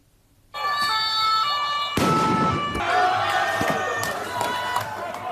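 A student street protest in Paris, France, where police in riot gear fire tear gas and water cannons at crowds: a loud, dense crowd shouting and yelling, then a sharp bang cuts through, followed by scattered pops over continuous roaring chaos.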